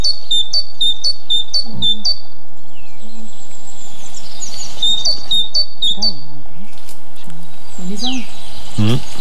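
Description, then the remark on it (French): Bright, high tit songs, including a great tit's repeated two-note phrases, ring out in quick rhythmic bursts, with other small birds chirping while a person speaks quietly underneath, during bird monitoring in Cévennes National Park, France. “C'est la salle qui a la petite queue. Et la maison charbonnière. Il y a la bleue aussi.”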